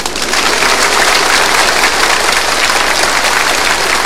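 A large audience applauds steadily, a dense, even wash of many hands clapping at once that stays loud and full from start to finish, with no voices.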